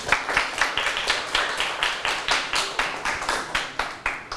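A group of classmates claps together for a classmate after a presentation, a steady rhythmic patter of many overlapping hand claps that keeps an even beat for several seconds with no talking.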